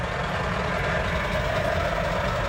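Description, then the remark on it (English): Steady, loud rumble of heavy truck engines droning continuously with constant road noise on the Mahu Mahu Road, the long winding truck route from Nairobi to Naivasha around the Great Rift Valley in Kenya; no one speaks. “I'm on the Mahu Mahu Road, which is the long winding truck route from Nairobi to Naivasha that curves around the Great Rift Valley.”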